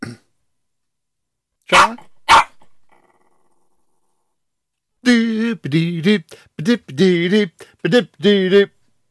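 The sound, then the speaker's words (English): A dog gives two sharp, loud barks, then after a short pause lets out a run of rumbling growls and throaty grumbles in uneven bursts. “I'll just let the dog present the show, shall I?”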